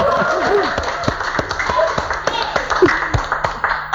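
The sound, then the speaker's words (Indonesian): A small group claps their hands in quick, uneven rhythm for a few seconds, with faint voices murmuring underneath. “Boleh ngasih tepuk tangan.”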